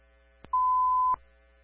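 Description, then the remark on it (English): A single extra steady electronic dispatch alert tone, about half a second long, sounds clearly and alone, framed by a faint click just before it starts and another as it cuts off, over a low background hum. “Sorry about the extra toad.”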